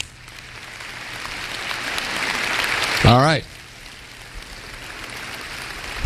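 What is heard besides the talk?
audience applause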